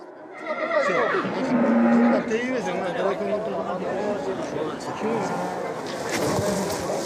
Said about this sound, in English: That's a wild horse. It hates being tied up.